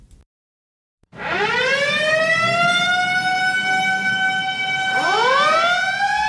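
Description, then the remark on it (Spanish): A loud siren wails up from silence to a sustained high tone, then swoops upward again near the end, steady with a low rumble beneath it. No one speaks. “Nada toma tu atención cuando escuchas el sonido de una sirena, pero dos cosas son ciertas, que alguien necesita ayuda y alguien está apresurado para brindarlo.”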